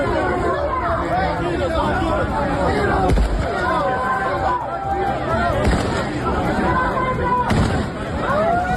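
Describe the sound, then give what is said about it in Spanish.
A large crowd of thousands of people shouts and chatters loudly as police hold them back at the city port, with a few sharp gunshot bangs cracking out at irregular intervals above the din as shots are fired into the air. “Los disparos al aire, se ha ido controlando el caos de la estampida inicial”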